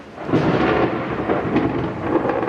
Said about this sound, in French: La pluie, c'est justement ce qui rythme l'été à Mexico. C'est assez peu connu, mais ici, il pleut en moyenne plus qu'à Londres.